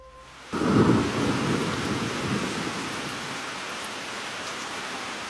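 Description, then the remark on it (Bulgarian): A storm breaks in suddenly: heavy pouring rain and gusting wind roar steadily, with a deep thunder-like rumble swelling at the start before settling into a constant loud wash of noise. “Под лампата в моята стая, с притихналата до мен Флора, дълго стоях пред белия лист, заслушана в плющящия дъжд и вилнещия вятър.”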